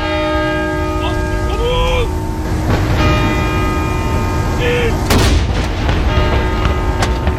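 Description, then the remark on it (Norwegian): A single heavy salute-gun boom cracks out over steadily ringing church bells, its rumble trailing off with fainter echoes while the bells keep tolling. It is a mourning salute fired at 12 o'clock by the Norwegian Armed Forces' salute stations to honour the late King Harald, as church bells ring across Norway. “Klokken 12 ble det avfyrt sørgesalutter ved Forsvarets 9 salutstasjoner rundt om I landet for å hedre avdøde Kong Harald.”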